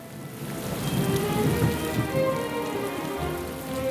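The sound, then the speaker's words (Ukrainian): Heavy rain pours down steadily over a forest after lightning and thunder, a dense continuous hiss of drops pattering on surfaces, with a faint low rumble underneath. No voices are heard. “Не встиг наш сміливець ускочити в ліс, як угорі блиснуло, загуркотіло і пішов рясний дощ.”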